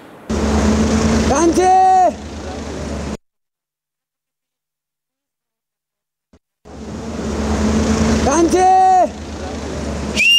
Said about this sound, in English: He whistles across the Trishuli, calling out to his family on the other side, and then he waves. Here in Devi Ghat, this is how people stay connected.